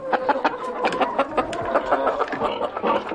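A busy flock of chickens clucking, with many short, overlapping calls crowding together at a steady, fairly loud level and no voices.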